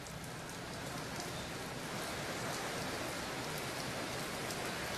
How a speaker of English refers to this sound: Of course, it started to rain here in Wenzhou at midnight today. And as you can probably see behind me, the rain and the wind are getting heavier because Typhoon Bavi is expected to make its landfall here near Wenzhou in just hours.